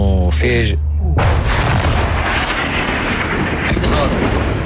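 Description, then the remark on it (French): A loud explosion from a strike landing very near, at night in Nabatieh, south Lebanon, bursts in after a brief tonal, voice-like sound, then rolls on as a heavy, sustained rumbling roar that stays loud to the end. “Cette fois, c'est tombé tout près, mais c'est trop risqué de sortir, dit-il.”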